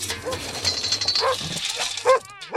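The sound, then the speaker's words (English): A sled dog, one of a family's sled dogs kept in their own dog houses, barks several times in short, sharp yelps over a busy, noisy background, with a higher whining bark right at the end. “And the one behind that barking dog who's in her house right now is Booty.”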